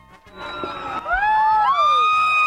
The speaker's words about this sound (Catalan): La gent cridava a les totes, ara ho han sentit.